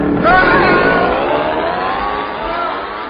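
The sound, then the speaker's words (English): A small outboard motor fitted onto a piano revs loudly, its droning pitch sweeping up briefly and then holding a steady, buzzing roar for a few seconds. “Now, just fit this outboard motor onto the piano and”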